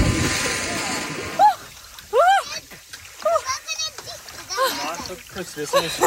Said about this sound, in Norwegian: basert på andre badenes badelyder og badeskrik